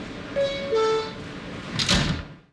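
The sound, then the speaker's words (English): A two-note descending chime rings out, followed by the whoosh and thump of sliding subway train doors closing, with a faint hum of the car beneath. “Stand clear of the closing doors, please.”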